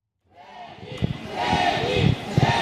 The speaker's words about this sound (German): Dienstagabend 18.20 Uhr vor dem Royal Monceau. Wind und Regen haben gerade nachgelassen. Circa 100 Menschen warten darauf, dass ihr Idol … aus dem Hotel kommt und zu den Proben fährt.